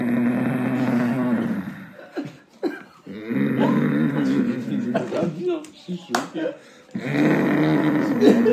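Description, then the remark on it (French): A voice imitates a father's heavy snoring at night in Bamako: loud, drawn-out rumbling snorts repeated three times, with short gaps and a few breathy clicks between them. “Genre le signal, c'était quand son père, il ronflait, mais comme un”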